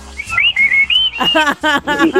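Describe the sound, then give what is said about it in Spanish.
Loud, sustained whistling from a group of cemetery workers rises and wavers for about a second, then gives way to several bursts of loud, harmonically rich vocal shouts or hoots. “A ver, un chiflido de todos los trabajadores.”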